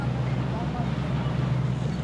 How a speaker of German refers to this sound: Ja, das Schiff wird jetzt zu laut. Also jetzt hört man nichts anderes außer Schiff.